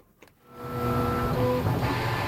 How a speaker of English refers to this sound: North by Northwest … paid a visit to the Neil Squire headquarters in Burnaby, and that's where we start with the sound of a 3D printer.